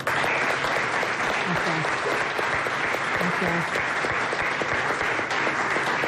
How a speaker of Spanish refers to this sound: Un aplauso. Gracias.